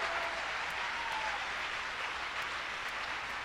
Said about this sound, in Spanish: Va a aplaudir.